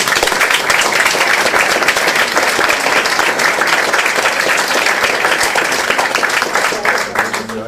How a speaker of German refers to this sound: Applaus für Max Rademann!